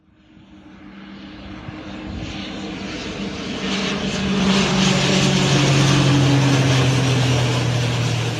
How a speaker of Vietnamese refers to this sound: Đúng 11:30 ngày 21 tháng 8 năm 2026, sau 3 giờ bay từ sân bay quốc tế Tân Sơn Nhất, máy bay Kasa C295 hạ cánh xuống sân bay Gia Lâm, hoàn thành nhiệm vụ vận chuyển 7.104 mẫu sinh phẩm hài cốt liệt sĩ ra Hà Nội.